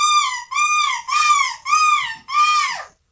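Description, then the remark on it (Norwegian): The Norwegian winner of the European seagull-screeching championship imitates a seagull's screech in five loud, harmonic-rich calls that rise and fall in pitch, evenly spaced, the last one trailing downward. No other sounds. “Så stas å være norsk vinner i måkeskrik-EM. Skal vi høre vinneren?”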